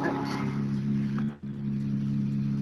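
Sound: rally car passing by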